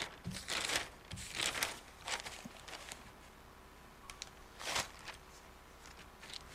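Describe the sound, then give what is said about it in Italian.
Paper rustles and crinkles in several short bursts as pages of the Il Fatto Quotidiano newspaper are turned to page 6 during a radio press review, fairly quiet, with no voices over them. “Per farlo andiamo sulle pagine del Fatto Quotidiano a pagina 6.”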